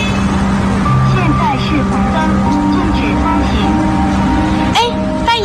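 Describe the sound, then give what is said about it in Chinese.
Dense street traffic at a city intersection in the early morning rumbles steadily while several car horns honk in overlapping blasts, some long and sustained, others short, against a constant busy roar with faint voices mixed in. “穿过此起彼伏的鸣笛声，荧光绿马甲正在车流交织的路口撑起安全通道。”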